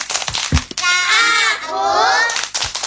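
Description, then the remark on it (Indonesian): Children's clapping game, the 'Tepuk Anak Soleh' clap chant: a few sharp hand claps, then high children's voices chanting together in a sustained, sing-song line, with more claps and chatter at the end. “Ayo kita tepuk anak soleh.”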